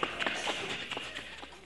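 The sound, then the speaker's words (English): Quick, rhythmic footsteps of two boys running back into the house on a farm, a rapid series of soft thuds over a steady background hiss, fairly quiet and with no one talking. “And then they run back into the house, you know.”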